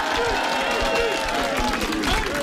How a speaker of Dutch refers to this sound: Nog één keer een applaus voor …, dames en heren.